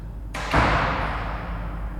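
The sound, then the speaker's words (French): A door slams shut with a heavy thud in an underground parking garage, preceded by a brief scrape, and the impact rings and fades slowly over a low, steady rumble. “Des pas qui résonnent, une porte qui claque, un moteur qui s'approche.”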